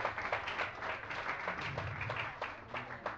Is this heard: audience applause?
yes